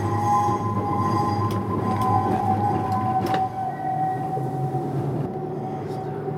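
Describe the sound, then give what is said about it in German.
A tram rumbles slowly with a steady low drone, faint metallic squeals and clanks as it creeps into position between two other trams at the depot, then eases to a halt. “Da können wir jetzt zwischen diesen beiden genau. Trambahnen einparken.”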